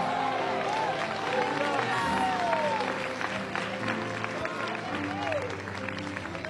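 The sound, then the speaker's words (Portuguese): A church audience erupts in loud, sustained applause mixed with overlapping shouts of glory to God and cheering voices, a dense continuous roar of clapping and exclamations that holds steady for several seconds. “A minha devoção, a minha espiritualidade, e quantos acreditam nisso, libera um grito de glória a Deus.”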